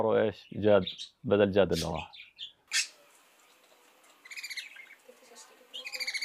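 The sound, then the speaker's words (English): A pet bird chirps in short, bright bursts of rapid tweets, fairly clear, following a few loud, harsh squawky calls at the start. “Maybe hearing the bird sound feels like Jad is back.”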